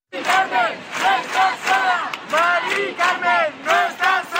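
A huge protest crowd shouts in unison, rhythmic chanted bursts rising and falling about twice a second, loud and dense with many overlapping voices.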